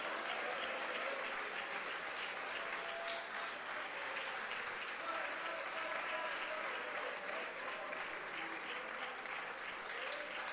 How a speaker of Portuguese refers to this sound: Isso, pode aplaudir o nome de Jesus, pode.